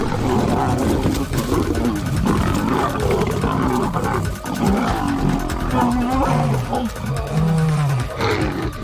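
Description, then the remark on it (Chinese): Two male lions roar, snarl and swat in deep, rumbling bursts as a warning to a young lioness approaching them while they feed, loud and rough throughout, while a man's voice talks over the growling. “两头雄狮可以轻而易举地杀死雌狮，不过拍击和咆哮可以起到警示作用。”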